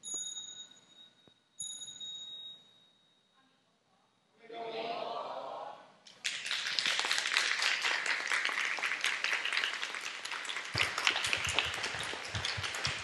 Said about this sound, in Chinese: 谢谢掌声，大家请坐。